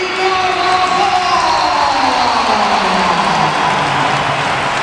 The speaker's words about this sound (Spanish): Esto es un aplauso. Bueno, y sin música de fondo también, que eso también influye.